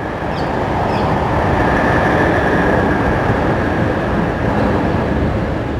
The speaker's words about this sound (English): Oh, there we go. We can hear the train now. I'll just let that play.